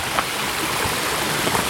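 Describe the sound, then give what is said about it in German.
A steady rush of two small streams with little water flowing together and merging at a fork of the Schreizengießen, a continuous watery hiss with faint babbling splashes throughout and no voices. “Und hier kommen zwei Bäche zusammen”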